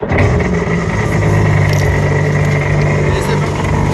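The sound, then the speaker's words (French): A jet ski engine runs loud, a steady droning roar with a low humming tone that holds evenly throughout, without pauses or revving changes, on the sea at Cabourg on the Côte Fleurie, Calvados, Normandy, France. “Et dans le Calvados, aujourd'hui sur la côte fleurie à Cabourg, vous allez monter pour la première fois sur un jet ski.”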